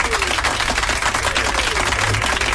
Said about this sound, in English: We made it, so give yourself another round of applause.